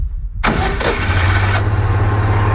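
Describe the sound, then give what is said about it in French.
A car engine being jump-started with booster clamps cranks over with a burst of starter noise, then catches and settles into a steady, rumbling idle with no one speaking. “Donc là j'allume le contact. Je mets en marche.”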